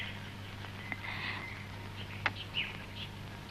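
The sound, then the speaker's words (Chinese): A few faint, brief chirps from pet birds sound sporadically against a quiet background with a low steady hum, with no one speaking. “是我养的小鸟，去维也纳以前不是把它们都放走了吗？”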